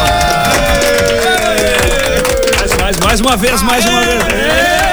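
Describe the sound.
A crowd applauds a man on the runway at an event, clapping steadily throughout, a dense patter of hands mixed with loud cheering and raised voices that hold sustained, wavering tones over the clapping.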